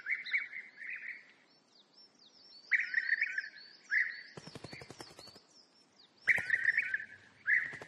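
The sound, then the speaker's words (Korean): Birds singing in a forest, returned in spring to mate and build nests: repeated bursts of bright, high chirping phrases over a thin, steady whistling line, broken by brief rustling crackles. No one speaks. “지난 겨울 추위에 쫓겨 남쪽으로 떠났던 수백만 마리의 새들도 짝짓기를 하고 둥지를 짓기 위해 서둘러 숲으로 돌아왔습니다.”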